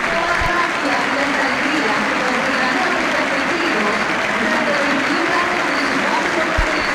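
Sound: stadium crowd applauding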